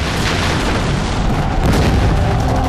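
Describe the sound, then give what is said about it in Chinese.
Artillery shells explode on the Kuomintang army's city walls on the Liaoshen battlefield, in a dense, continuous barrage, deep booms piling over one another with a loud rumbling roar and crackling bursts throughout, with no voices. “为朱瑞司令报仇的怒吼回响在辽沈战场，一发发怒火燃烧的炮弹狠狠砸在国民党军的城头。”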